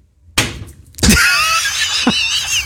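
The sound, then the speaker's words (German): A dart thrown at a map of Lower Saxony (Niedersachsen) strikes the map's frame with a sharp thunk, a second, louder wooden whack following a moment later, then a bright, lingering high-pitched rattle with another small knock near the end. “Der Feierabend-Dartpfeil muss auf der Niedersachsen-Karte landen, sonst geht's ja nicht los.”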